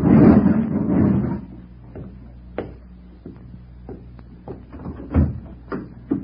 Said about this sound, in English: After a while, he slowed down, wound through some back streets, swung down an alley, and parked in a garage beside a black convertible. He went back to close the garage door, and I sat in the car, trembling.